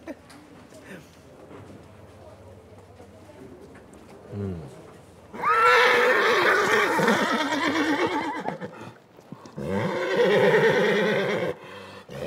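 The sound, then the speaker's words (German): Loud horse whinnies burst out in two long stretches amid a lively outdoor crowd at the Fiesta de San Juan horse festival in Fornells, Menorca, with voices and other animal sounds mixed in; hoofbeats are not clearly distinguishable. “Es scheint loszugehen. Die Fiesta de San Juan, das große Pferdefest in Fornells.”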